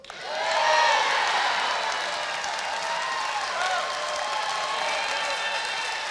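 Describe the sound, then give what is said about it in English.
A large audience bursts into loud applause mixed with cheering and shouts in response to a promise to bring back plastic bags, swelling quickly in the first second and then holding steady as a dense, continuous roar. “Then, the biggest applause of the night comes with this promise.”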